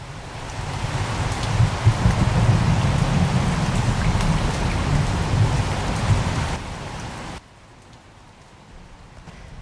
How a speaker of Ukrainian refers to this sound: З тихим дзвоном упали перші краплини, все стрепенулося за вікном і вже широкою чарівною музикою зашумів дощ, так описує дощ Олесь Гончар.